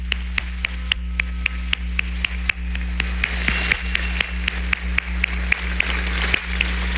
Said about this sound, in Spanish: Mientras estamos aquí sentados, ellos están defendiendo Aguascalientes, blindando Aguascalientes en cada una de las arterias que llegan hacia Aguascalientes, y les quiero dar un fuerte aplauso de verdad.